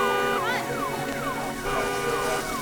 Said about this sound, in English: Car alarm?